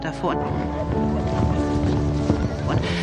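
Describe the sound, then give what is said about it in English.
A horse clip-clops along with steady hoofbeats and lets out a couple of whinnies over a continuous backdrop of sustained tones and faint voices. “They could play tennis and go horse riding, which for most working-class girls had been inconceivable a few years earlier.”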